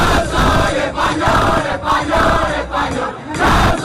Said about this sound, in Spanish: Bueno, pues ayer, como no puede ser de otra manera, un grupo de españoles se juntaron para gritar al unísono... ¡Español, español, español!